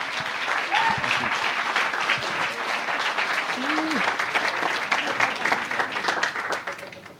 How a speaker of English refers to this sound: what I'd like you to do is give him a very warm round of applause.